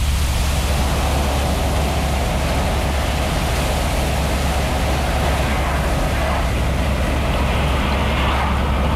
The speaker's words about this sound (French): se trouve à présent dans une voiture en compagnie d'un représentant de commerce.